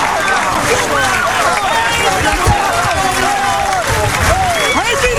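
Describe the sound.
Supporters of Dronriep cheer loudly and steadily after their team wins the final of the 124th PC, with many overlapping voices shouting and whooping in rising and falling calls, joined by some scattered clapping throughout.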